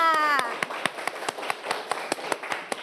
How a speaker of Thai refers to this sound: เด็กๆคะเด็กๆปลายทางรวมถึงเด็กๆต้นทางปรบมือให้กับตนเองค่ะ